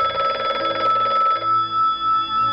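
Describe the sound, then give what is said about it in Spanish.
A telephone bell rings loudly, a bright metallic trill that stops abruptly partway through, leaving a steady tonal hum with a faint pulsing rhythm. It is the phone call that woke Gil Parrondo in the middle of the night of 16 April 1971, a friend calling from the United States to tell him he had won the Oscar. “La madrugada del 16 de abril de 1971, una llamada de teléfono despertó a Gil Parrondo en plena noche.”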